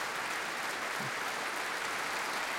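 A concert audience at Berwaldhallen applauds soloist Veronica Eberle after she performs a concerto, a dense, even wash of many hands clapping with no break, holding a constant loudness through the whole stretch.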